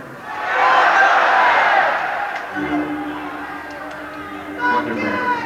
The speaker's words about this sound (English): What do you think the J should be for? Okay. On the count of three, yell out what you think it's for, and that's what'll go on the tape.